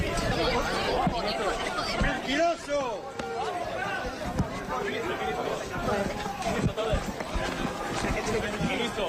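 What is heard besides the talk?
crowd booing and shouting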